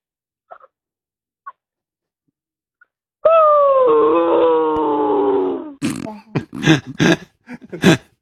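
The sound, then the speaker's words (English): A 13-year-old child's voice imitates a dog with a long, wavering, slowly falling whimpering howl, followed by a burst of choppy, sobbing yelps, fairly loud after a few faint clicks. “can you be a dog who's just been killed playing Fortnite, please?”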